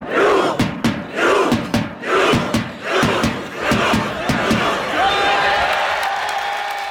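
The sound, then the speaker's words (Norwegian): A large crowd of Norwegian football fans gathered at Slottsplassen in the Norwegian capital several hours before kickoff, chanting in loud, rhythmic bursts with sharp claps between them, then blending into a steady, sustained roar of many voices. “Flere timer før kampstart hørtes det slik ut på Slottsplassen.”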